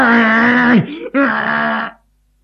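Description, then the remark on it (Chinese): A voice imitates a man, held down and tied by others, bellowing like an ox: two loud, drawn-out, strained roars, the first sliding down in pitch before a brief break, then a second sustained howl that cuts off abruptly. “他就像牛吼一样，根本不认识。”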